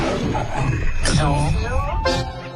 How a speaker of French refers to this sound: C'est toute la puissance du lion dans votre transistor.